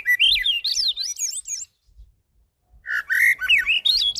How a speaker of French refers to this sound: Quand l'oiseau chante, il répète, il se pratique, il se perfectionne, il devient un meilleur chanteur toujours. Il impressionne, il avertit de sa présence. Il chante pour donner l'alerte et parfois simplement, poétiquement, il chante,